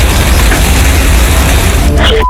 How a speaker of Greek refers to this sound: Η φορά του ανέμου αλλάζει συνεχώς τις κατευθύνσεις και κινείται προς τα σπίτια. Ακούγονται εκρήξεις από φιάλες υγραερίου. Και γρήγορα η φωτιά όντως παίρνει ανεξέλεγκτες διαστάσεις.